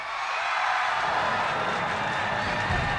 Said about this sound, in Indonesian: Inge beli tebus Niki sudah terdengar suara-suara penonton Niki sudah tidak sabar Niki menantikan pinake pementasan sane terakhir.